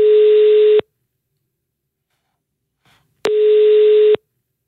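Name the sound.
telephone ringing tone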